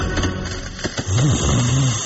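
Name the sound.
person snoring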